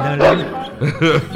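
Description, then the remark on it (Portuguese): A big dog barks three times in quick, uneven succession, loud, with deep, full-throated woofs and short pauses between them. “E o cachorrão dele tá lá.”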